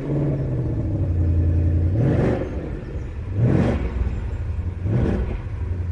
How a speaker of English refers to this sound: We get the limited slip differential, and we get a noise that is absolutely superb when you start this car up, because there's nothing quite like cubic inches and a 5 litre normally aspirated V8 that crackles into life.